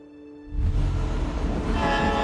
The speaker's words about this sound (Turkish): 170 kilometre güneyde yük treni Anchorage'e doğru ilerliyor. 750 ton ağırlığında ağır makine ve askeri ekipmanla birlikte.